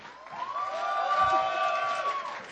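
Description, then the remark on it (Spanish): A crowd at the Intersecciones event on a Friday cheers loudly and steadily to welcome a band, with sustained high-pitched whoops and shouts riding over a dense wash of noise that fills the whole stretch. “Así que quiero brindarle un fuerte aplauso, ustedes me van a ayudar.”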